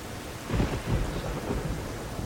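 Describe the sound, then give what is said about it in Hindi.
Low, rolling thunder from the clouds rumbles steadily late at night with swells of deeper energy, accompanied by a broad hiss of rain; no voices are heard. “बीबी जी बारिश भी हो सकती है, बादल गरज रहे हैं।”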